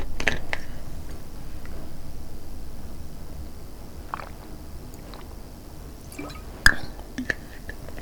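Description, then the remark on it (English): Quiet mouth sounds of someone drinking from a water bottle, soft sips and swallows over a low hiss, with a sharp plastic click near the end. No one speaks. “I need some libation. Let me grab my trusty water bottle.”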